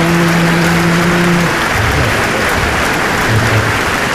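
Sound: audience applause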